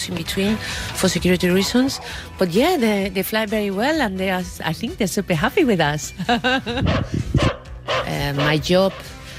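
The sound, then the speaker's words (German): A dog held on a leash on board a plane barks and yips repeatedly, its calls rising and falling into whiny tones, with people talking underneath throughout. “die Hunde müssen, wie der hier vorne, man sieht es ja, immer an der Leine festgehalten werden”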